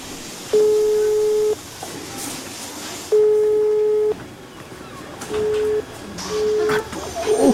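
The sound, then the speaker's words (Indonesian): A mobile phone call failing to connect: steady electronic busy-tone beeps, two long ones about a second each with pauses between, then several shorter beeps, over a noisy background. “HP Fatma susah dihubungi lagi.”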